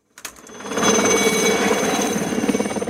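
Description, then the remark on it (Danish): A helicopter over Palm Springs, USA, its loud, steady mechanical roar with a fast rhythmic rotor pulse, swelling up quickly and holding constant, with no voices. “Starter vi i helikopteren, så ligner det et hvidt hav, omgivet af grønt græs.”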